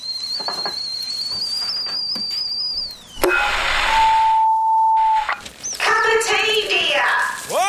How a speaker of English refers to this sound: Cup of tea, dear? The kettle's on. Would you like a cup of tea, love?